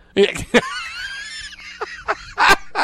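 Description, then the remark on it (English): A rooster crows once on a farm, loud, with a long strained middle note and a few choppy, sputtering bursts at the end. No voices. “He awakens by the crow of a rooster.”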